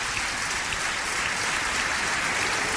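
Steady audience applause given as a strong tribute to a woman, a dense wash of many hands clapping at even loudness throughout, with no voices standing out above it.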